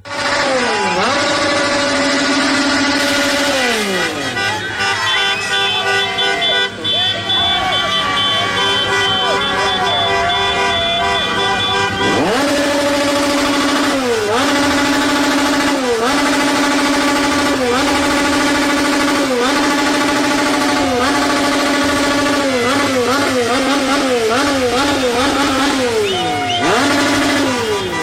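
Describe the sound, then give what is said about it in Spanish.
Loud motorcycle and scooter engines from a motorcycle gathering rev up and down again and again, with horns honking amid a dense, continuous racket of traffic and crowd noise in the hospital zone, made to keep Ecuador's national team from sleeping. “Los de las motos, los de las motonetas, el Acamoto, se los llevamos a los de Ecuador.”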